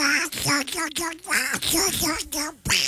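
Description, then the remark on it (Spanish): A voice imitates the cartoon duck Donald Duck, pouring out a loud stream of raspy, buzzy, garbled quacking syllables with only a few brief breaks. “¿Me pueden mandar un saludo de la voz del pato Donald?”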